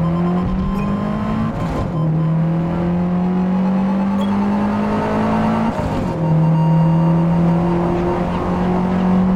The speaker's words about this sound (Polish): Mijamy jakieś billboardy, bardzo ładnie to słychać zresztą.